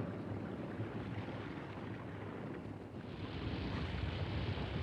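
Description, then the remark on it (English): The engines of the ship Scythe churn in a steady, heavy low rumble as it creeps dead slow astern toward a rocky ledge inside a cavern in a cliff face. The drone swells a little toward the end, and no voices are heard. “Assured by the Major that the cavern is safe, Shannon edges his ship towards a rocky ledge.”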